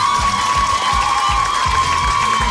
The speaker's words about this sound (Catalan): Heu fet una boníssima participació, per tant, podeu marxar orgullosíssimes. Per tant, un altre aplaudiment per a aquestes concursants, sisplau.